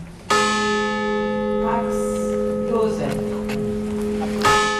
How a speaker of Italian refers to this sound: 262 i rintocchi della campana accompagnati dai nomi delle vittime.